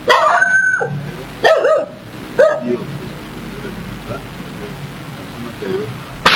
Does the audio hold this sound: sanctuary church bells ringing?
no